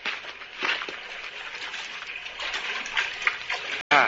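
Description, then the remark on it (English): Water splashes and churns steadily for about four seconds, a continuous wash of liquid noise with small surges, broken by a momentary gap just before the end. “Have some water. Drink.”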